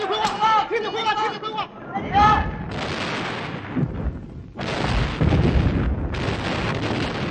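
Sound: artillery fire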